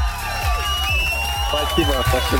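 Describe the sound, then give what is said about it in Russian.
A loud burst of crowd cheering and whooping on a radio show, for a listener who answered a quiz question correctly, with rising and falling voices and a steady wash of clapping underneath, lasting a couple of seconds at an even, lively level. “Эти аплодисменты для тебя и колонка тоже.”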